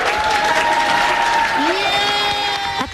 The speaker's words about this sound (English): Now, Mayo Clinic in Rochester, Minnesota, a room full of health professionals is cheering on colleagues throwing and dropping imaginary balls. The game is called Loser Ball. It all looks pretty silly, but the purpose is serious.